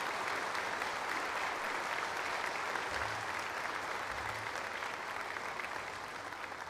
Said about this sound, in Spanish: Vamos a darle un fuerte aplauso a San Antonio de Padua hoy en este día tan grande para nosotros.